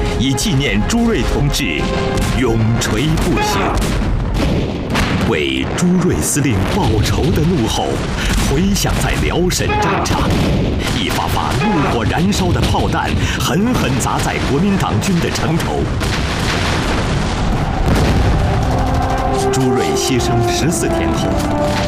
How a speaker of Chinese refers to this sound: 为朱瑞司令报仇的怒吼回响在辽沈战场，一发发怒火燃烧的炮弹狠狠砸在国民党军的城头。